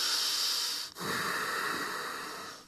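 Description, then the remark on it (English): A loud, noisy breath drawn hard through the nose with a snorting rasp, followed after a brief pause by a long, airy hissing exhale, with no talking; a demonstration of how not to breathe during yoga asana practice. “We try not to breathe on this way.”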